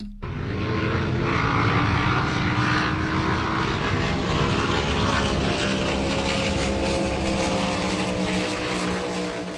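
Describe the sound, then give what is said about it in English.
Powerboat racing engines on the Manning River roar steadily, a loud, continuous mechanical drone with a buzzing, slightly shifting pitch that holds for the full length without any voices. “Have you ever heard of powerboat racing?”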